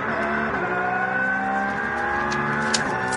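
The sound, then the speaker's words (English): A race car from one of the BMW classes drones at a high, steady pitch, its harmonics sliding gently as it holds speed, loud and continuous for about three seconds with no voices. “Another car from one of the BMW classes.”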